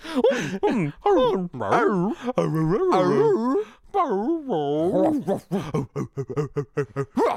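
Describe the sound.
A human voice imitates a dog whimpering and whining: a continuous run of high, wavering whines and yelps with sliding pitch, ending in short choppy bursts.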